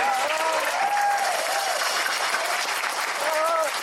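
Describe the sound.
An audience applauds in a steady, dense roar of clapping that lasts the whole few seconds, with some voices and cheers rising faintly over it.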